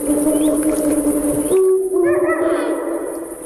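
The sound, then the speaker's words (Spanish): A Eurasian eagle-owl calls with deep, resonant hoots, then a harsher, almost barking note, over a steady background hiss, at the Portilla del Tiétar in Monfragüe, where two huge rocky cliffs make the sound reverberate. “El búho real, el gran duque, domina la puesta en escena.”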